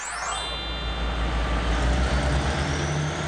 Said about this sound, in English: Yay, the EC train is off. Hoot hoot. The C train travels a total of 56 kilometers along the eastern coastline.